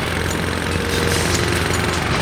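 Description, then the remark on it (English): A loud power tool runs steadily, a harsh, rattling mechanical roar that holds at the same intensity throughout the couple of seconds, with no voices. “A lawnmower, power tools, rock music with headphones, rock music without headphones.”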